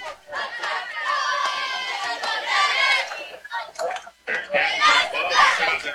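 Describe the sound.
A large stadium crowd at a football game, including up on a hill, murmurs and chatters continuously near the end of the game, with children's voices rising above the dense, steady hubbub before a brief lull and a renewed swell of noise.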